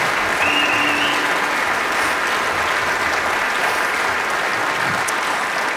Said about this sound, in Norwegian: Dere kan gi meg en liten applaus på den lille tiden.